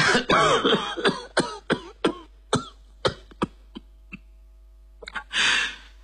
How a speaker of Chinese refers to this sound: 一阵剧烈的咳嗽使卢秋影不得不停下话头，他退坐在沙发上，蜷缩着身子，咳嗽着，喘息着